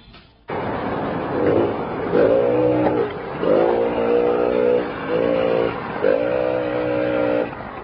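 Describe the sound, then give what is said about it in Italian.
A small Benelli S50 moped engine drones loud, its buzzy pitch swelling and easing in a series of revs as it rides along, with no voices. “Sì, sono arrivato, legherò il motorino, è una cosa molto brutta”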